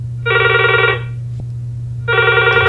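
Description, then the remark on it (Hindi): A telephone rings twice for an incoming caller to a radio phone-in programme, each burst a bright warbling electronic trill lasting under a second, separated by a short pause, over a steady low hum. “देखते हैं हमारे अगले कॉलर कौन है।”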